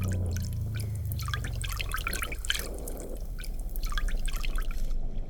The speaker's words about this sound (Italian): Si strappa via qualcosa. Si sciacqua, si strizza e finalmente ci sembra di capire. Sono le scorze esterne della noce di cocco, che un mese di ammollo in mare ha liberato dalle parti tenere